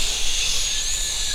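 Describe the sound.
A voice imitates wind blowing through a forest with a steady, breathy hiss lasting about a second and a half, bright and airy, with a faint whistling tone running through it.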